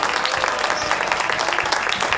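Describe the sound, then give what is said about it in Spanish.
Steady applause from an audience for a guest joining from Miami, a dense wash of many hands clapping at an even, fairly loud level throughout, with no voices standing out. “Bueno, Walde, fuerte el aplauso para Waldemar, por favor, desde Miami.”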